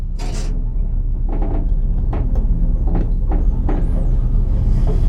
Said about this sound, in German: Auf einmal, mit einem festen Ruck, geht die Tür vom Lift zu. Und er setzt sich in Bewegung. Abwärts.